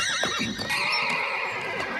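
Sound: horse neighing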